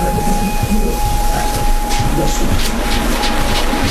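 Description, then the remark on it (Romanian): Passenger carriages of the Orient Express roll steadily along the rails at night among fir trees, with a continuous loud rumble, faint rhythmic clatter and a thin sustained whine running through the whole stretch, with no voices. “Orient Expressul. Între brazii în întuneric, luminile vagoanelor gonesc ca un lanț de licurici.”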